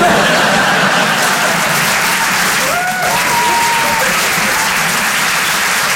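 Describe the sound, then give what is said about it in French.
Steady audience applause fills the whole stretch, a dense wash of many hands clapping at once, with a brief whistle-like tone rising out of it midway. “Il y a des gens qui ont arrêté d'applaudir dès qu'ils ont vu ma tête.”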